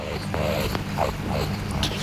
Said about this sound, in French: Oh zut, le grognement d'un racaillier. Je ne dois plus faire de bruit. Le racali, ou rat d'eau australien, est l'autre mammifère amphibie vivant sur le bord des rivières. C'est un des prédateurs de l'ornithorynque.